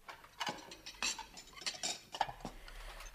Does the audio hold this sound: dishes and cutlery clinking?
yes